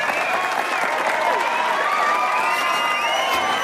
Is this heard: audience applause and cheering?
yes